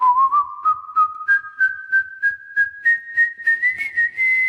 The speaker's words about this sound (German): Schon bald konnte der gelehrige Vogel das Rondo-Thema aus dem Klavierkonzert Nummer 17 in G-Dur nachpfeifen. Allerdings in veränderter Form. Statt dem G sang er ein Gis.